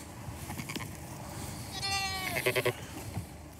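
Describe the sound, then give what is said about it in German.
A sheep bleats with a long, wavering cry, followed by a few short, pulsing bleats over a steady outdoor hum of wind and faint rustling, on a farm where a flock of more than 600 sheep and lambs stands spread across several pastures. “Die Schafe und Lämmer stehen auf mehreren Weiden verteilt.”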